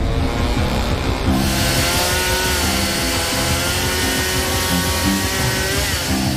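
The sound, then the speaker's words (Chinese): A distant chainsaw drones steadily as workers cut down tall invasive willow trees beside a creek, its engine holding a loud, buzzing, harmonic whine with slight wavering in pitch throughout, with no voices present. “就在我以为情况不会更糟时，远处传来了电锯的声音。”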